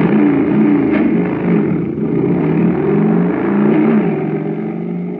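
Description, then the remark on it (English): A jet cycle engine, supercharged with super fuel, starts and roars steadily for about five seconds, its loud, throaty drone rising and falling slightly in pitch as it revs, with no talking over it. “But pour in some super fuel, and you get a super start, like this.”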